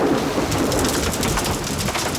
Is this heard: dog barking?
no